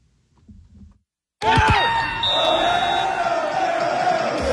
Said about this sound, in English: And the cheers were loud, louder than that. Drinks didn't stop flowing either, as Canada won their first ever FIFA World Cup game over Qatar yesterday.